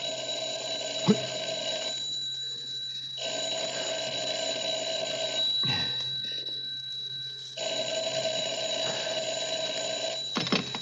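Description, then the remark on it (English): A telephone rings in three long, steady bursts separated by short pauses, loud, with a faint background hum and no voices. “He can't come to the phone just now.”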